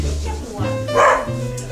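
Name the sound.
dog barking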